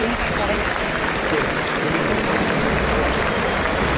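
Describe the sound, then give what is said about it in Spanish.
A bullring crowd gives a steady ovation for bullfighter Emilio de Justo after the fourth bull of the afternoon, dense clapping sustained at an even, fairly loud level for the full four seconds with no pauses. “Hay palmas ahora para Emilio de Justo, que va a tener que salir a recoger la ovación del respetable.”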